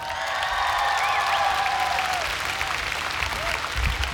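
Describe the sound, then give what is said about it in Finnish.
A crowd applauds steadily and loudly for several seconds, with dense clapping and some cheering and whistles mixed in. The crowd is a live concert audience in Tikkurila, Finland, applauding the band's keyboard player as the band is introduced. “isot aplodit.”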